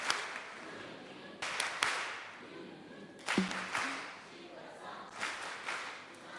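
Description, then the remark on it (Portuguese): Applause from a group, a steady wash of overlapping claps lasting the whole stretch, with a few sharper, louder claps standing out now and then. “Palmas carinhosas.”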